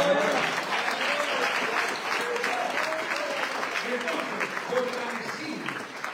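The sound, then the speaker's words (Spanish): Sustained applause from a church audience during a sermon, a dense, steady wash of clapping lasting several seconds at fairly even loudness, with some voices calling out underneath. “Dele un fuerte aplauso.”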